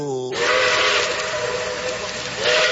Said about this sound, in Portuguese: Estamos aqui a alguns metros do terminal do Guadalupe. O trem já está apitando!